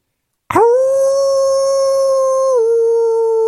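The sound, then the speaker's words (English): A person lets out one long, loud howl at the full moon imitating a wolf, holding a steady note that dips slightly in pitch near the end, with no talking around it. “Wait, what if I throw echo on that? I can make a huge roar.”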